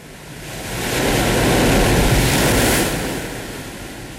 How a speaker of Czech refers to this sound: Stále je špatné počasí. Vichřice je horší než kdy jindy. Snad rozbouřené moře zdržuje další výpravu